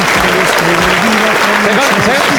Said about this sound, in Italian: Fammi gli applausi.